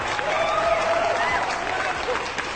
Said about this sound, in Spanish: Y un aplauso para ustedes.